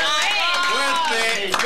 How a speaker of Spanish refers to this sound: ¡Fuerte el aplauso!